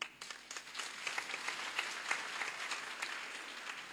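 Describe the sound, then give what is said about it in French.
A church audience applauds steadily for gifts given to the parish, many hands clapping in a dense, crackling wash that holds for a few seconds at moderate loudness, with a faint voice underneath. “Quand les hommes donnent, les femmes multiplient et ça s'applaudit.”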